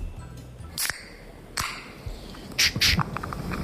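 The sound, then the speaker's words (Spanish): A beer can being opened: a sharp metallic crack, a second snap, then short bright bursts of fizzing hiss, with no voices over it. “puede ser el amartillado de una pistola, un golpe de nudillos en una puerta, un cascanueces o la apertura de una lata de cerveza.”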